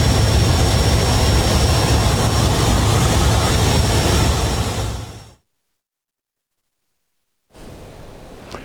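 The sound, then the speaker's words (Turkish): Loud, steady roar of an airplane engine through the plane's open door, opened by a photographer secured with a belt to photograph the ocean, with strong rushing wind, cutting off abruptly to silence before a quieter engine drone returns. “Kendini kemerle sabitledi ve uçağın kapısını açtı.”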